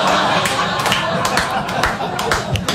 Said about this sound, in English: Booing that, okay.